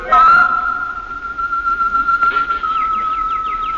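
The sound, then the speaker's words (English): Birds singing in an aviary: a long, steady high whistling note holds throughout, while a quick series of short, descending chirps repeats rhythmically in the second half. No one speaks. “I went into the aviary as she suggested, and I listened to the birds.”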